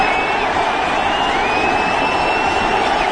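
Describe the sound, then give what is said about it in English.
A huge stadium crowd roars and cheers at Game 3 of the World Series between the Diamondbacks and Yankees in October, as George W. Bush throws a pitch from the mound. The noise is one loud, unbroken wash that holds steady throughout, with a faint high whistle over the din and no clear voices. “Listen to that crowd.”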